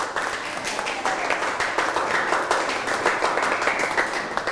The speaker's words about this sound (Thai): ปรบมือให้เพื่อนนะครับ